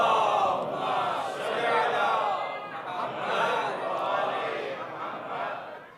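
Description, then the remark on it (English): A large crowd chants the salawat "ala Muhammad wa ala Muhammad" together in a loud, continuous unison that swells and falls in repeated waves, the many voices blending and echoing through a banquet hall. “So can you please give me a nice loud salawat ala Muhammad wa ala Muhammad, please?”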